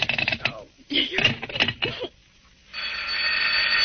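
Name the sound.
telephone bell ringing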